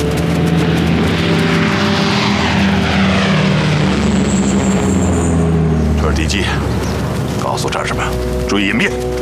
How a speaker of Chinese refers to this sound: 飞机，告诉战士们，注意隐蔽。飞机来了，注意隐蔽。